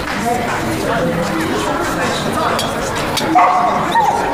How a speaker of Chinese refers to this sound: 把一个烂怂狗弄出去。这开会呢，成何体统？